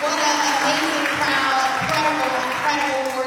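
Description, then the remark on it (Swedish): An audience in church pews in Washington claps in a steady, dense wash of applause welcoming Democratic mayoral nominee Janice Lewis-George as she takes the microphone, loud and continuous throughout, with faint voices murmuring underneath. “Let's celebrate and welcome the Democratic nominee for mayor, Janice Lewis-George är klädd i knallrosa kostym, och hon möts av applåder när hon vant greppar mikrofonen.”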